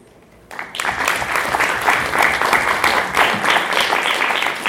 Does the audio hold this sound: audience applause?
yes